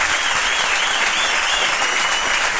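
A crowd applauds steadily, dense overlapping hand claps forming a bright, hissing wash of sound that holds at an even, fairly loud level throughout, with no voices.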